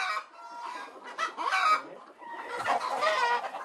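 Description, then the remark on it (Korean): Many hens cluck and squawk together in an egg-laying house on a farm, a dense overlapping chorus of chatter that swells and dips with brief louder calls, without any talking. “닭들이 알을 낳는 산란장.”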